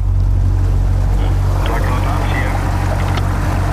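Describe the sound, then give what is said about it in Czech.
A water rescue service motorboat engine drones steadily and loudly on the water during a preventive patrol in Brno, a constant low rumble with splashing and wind noise, while a voice speaks faintly underneath. “jsme právě na člunu na preventivní objížďce Brněnské”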